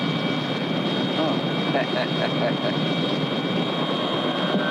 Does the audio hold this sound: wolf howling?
no